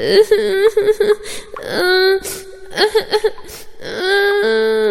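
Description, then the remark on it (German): In a telling of the Pinocchio story, a voice imitates Pinocchio crying inside the belly of a giant fish, with high, wavering wails broken by short sobbing gasps, then long drawn-out cries. It is fairly loud and has no background noise. “Plötzlich hörte er ein Kind weinen.”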